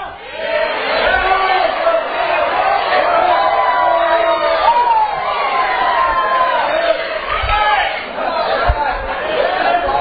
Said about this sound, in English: All this shouting going on. All this praising going on.